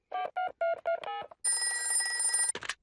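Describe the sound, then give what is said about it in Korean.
A quick run of short electronic beeps, like a number being dialed, followed by a loud, sustained buzzing telephone ring that cuts off abruptly with a brief chirp at the end, as Peppa phones Suzy. “수지한테 전화 한번 해볼까?”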